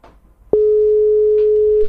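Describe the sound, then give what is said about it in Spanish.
An outgoing telephone call from a radio show to a guest rings on the line: one loud, steady, mid-pitched electronic tone sounds for just over a second after a moment of faint background noise, then cuts off. “Bueno, pues ahí estamos llamando a”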